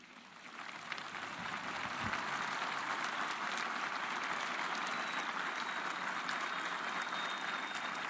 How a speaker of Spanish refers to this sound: Aplausos al obispo de la diócesis nibariense, que me imagino que estará también muy emocionado.